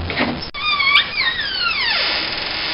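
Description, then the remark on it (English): A wardrobe door creaks open with a long, squeaking groan that rises and bends before sliding downward, fairly loud with no talking. “I'm just looking at the clock and I'm thinking, I think it's time we went north to Alaska and we opened the wardrobe door.”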